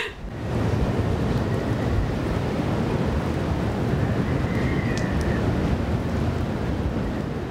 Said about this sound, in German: Der Sturm aus Nordwest erreicht in Böen Orkanstärke.